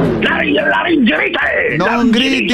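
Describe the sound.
A man shouts in pain during a phone call from a doctor at a clinic, his loud, strained voice rising and falling in pitch across a few seconds of continuous, unbroken anguished yelling.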